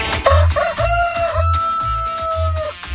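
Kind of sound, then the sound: bird, rooster crowing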